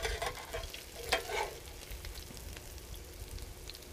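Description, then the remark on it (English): Steady crackling sizzle of food frying in olive oil, with a burst of sharper pops and scraping near the start, then a continuous, even hiss. No one speaks. “So it's in olive oil.”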